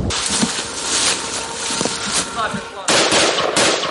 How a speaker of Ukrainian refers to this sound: Чітко за розкладом, за 5 хвилин до 3 почалися знову пуски кабів, тож зараз до такого досить щільного дзищання дронів у небі доєднується ще й гавкання від того, як лягають керовані авіабомби.